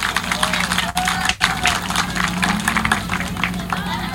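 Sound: audience applause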